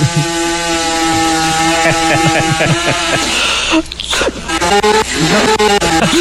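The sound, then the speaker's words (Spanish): A chainsaw starts and runs loud with a steady, buzzing drone, then revs unevenly in choppy bursts during the final couple of seconds, with some voices mixed in. “Que prendía una motosierra.”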